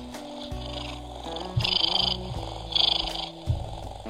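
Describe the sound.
A voice imitates a cat's purr with a low, rumbling rattle that swells in three pulsing bursts, moderately loud, with no other talking.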